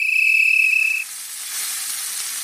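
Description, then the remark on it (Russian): Meat sizzles on a grill in a steady hiss with fine crackle. A thin high whistle-like tone rings over it for the first second, then fades. “Огонь! Гриль-фест в самом разгаре в магазинах «Хит».”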